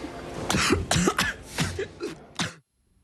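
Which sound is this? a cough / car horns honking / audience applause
a cough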